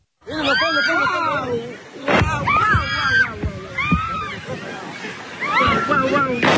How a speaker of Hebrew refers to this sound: ותראה מה ששמענו כאן כרגע בקטע שהשמעת, זה רקטות שנופלות בים, ממש מרחק של עשרות מטרים מהמבלים בחוף